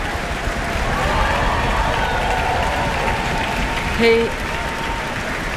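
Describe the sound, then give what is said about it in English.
Sustained applause from the orchestra and the town hall audience for conductor Karl-Heinz Steffens as he returns to the stage after the New Zealand premiere of a complete ballet score, a dense steady patter of many hands clapping at an even loudness, with a brief whistle-like tone rising out of it near the end. “And Karl-Heinz Steffens is returning to the stage to receive his applause from the orchestra and the town hall.”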